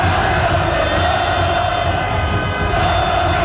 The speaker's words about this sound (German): Und apropos Fans, Watson berichtet von Ausnahmezustand in Zürich und zeigt in einem Video hunderte von feiernden Fans beim Bahnhof Hartbruck. Dort in der Umgebung gibt es verschiedene Public Viewings.